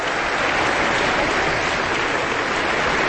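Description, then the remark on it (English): Steady, dense applause from a large audience in the Klein Music Tent at the Aspen Music Festival and School, a continuous wash of many hands clapping at an even, fairly loud level, no voices standing out, as the conductor points to sections of the orchestra and has them stand. “Applause continues as our conductor points to different sections of the orchestra and has them stand.”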